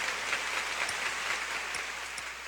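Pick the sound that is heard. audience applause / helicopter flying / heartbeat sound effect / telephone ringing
audience applause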